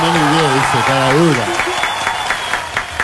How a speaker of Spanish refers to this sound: Un aplauso, por favor. Un aplauso. Un 10.